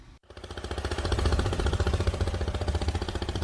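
Longtail boat engines chug loudly with a fast, rattling mechanical pulse on an inner-field canal in Vĩnh Bình commune, An Giang province, Vietnam, in the early morning as boats head downstream to market, running steadily after a brief silent gap at the start, with no voices.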